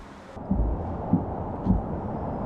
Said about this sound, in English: All to the eerily familiar sound of an anti-aircraft gun.